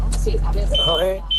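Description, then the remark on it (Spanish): A shrill electronic alarm sounds in long, steady beeps, cutting over a man talking on a muffled line while a low engine-like rumble drones underneath. “No, pero la alarma nos ha fastidiado un poco el audio, ¿eh?”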